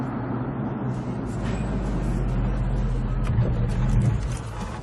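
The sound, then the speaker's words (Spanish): The engine of an Oldsmobile 442 car hums steadily, a low continuous rumble that swells slightly and stays loud throughout, with faint road and traffic noise around it. “Es genial. Como este coche.”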